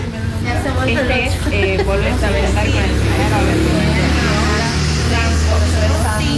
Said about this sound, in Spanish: Había mucho tráfico en esta mañana, nota, chicos, se nota. Pasaban había por adentro del local las motos.